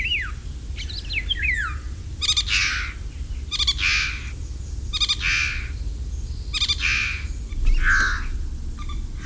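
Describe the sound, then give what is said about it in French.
Eurasian golden oriole song, a migratory bird that comes from tropical Africa: a few quick fluty whistles open, then five harsh, grating calls repeat at steady intervals, over a low background rumble. “Un oiseau migrateur qui chante, qui a un chant très spectaculaire et qui vient d'Afrique tropicale, même équatoriale, c'est le loriot d'Europe.”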